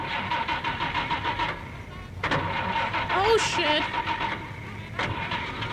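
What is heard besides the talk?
car engine starting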